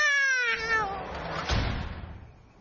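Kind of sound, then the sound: animal, cat meowing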